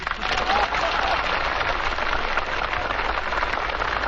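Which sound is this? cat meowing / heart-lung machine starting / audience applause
audience applause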